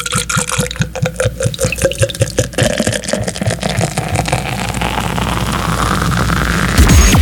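Liquid is poured into a container during an extra drink break at work on a hot day of 35 degrees, starting with quick rhythmic glugs and settling into a steady stream whose pitch rises as the vessel fills. No one speaks.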